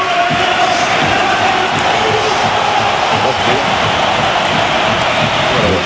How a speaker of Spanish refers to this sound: Y vamos a escuchar la ovación a Isco Alarcón. Ahí entra Isco.